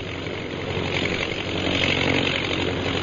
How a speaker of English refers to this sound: Let's see, how many of the planes are there? 1, 2, 4, 6, 8, 10. 10 bombing planes, eh?